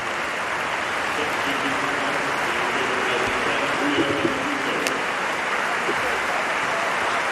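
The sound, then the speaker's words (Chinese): A large crowd of Ipswich home fans applauds steadily as Enciso is substituted after 70 minutes, a dense, continuous wash of clapping mixed with a murmur of voices, sustained at an even, loud level throughout. “虽然踢了70分钟体力不支啊，但是凭借今天的表现，恩西索博得了伊普斯维奇主场全体球迷的掌声，大家用热烈的掌声欢迎他来到伊普斯维奇俱乐部”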